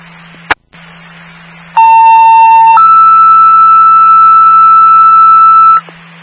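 A dispatch alert tone: after a sharp click, a loud steady tone holds for about a second, then jumps to a higher pitch for three more seconds, over a low radio hum and hiss. The tone sends unit A163 to 3137 Hillside Drive for a medical alarm activation.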